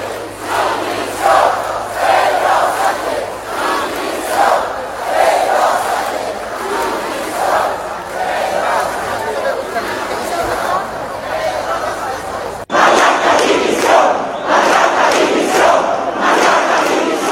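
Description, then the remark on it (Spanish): A large crowd of protesters in Seville, with the Casa de Ceuta, shouts chants demanding the resignation of Pedro Sánchez and Marlaska, in loud, rhythmic bursts, voices rising and falling together in repeated cadences, with a sudden cut partway through before the chanting resumes just as forcefully. “Se escucharon gritos pidiendo la dimisión de Pedro Sánchez y de Marlaska.”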